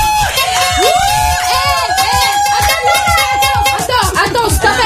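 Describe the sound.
Loud, overlapping shouting from several people fills a studio, with excited whoops and rising yells over a steady din of voices throughout.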